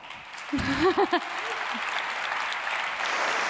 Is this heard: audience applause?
yes